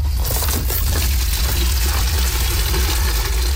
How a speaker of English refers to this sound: Volunteers fill buckets with water in a desperate attempt to put out the fire.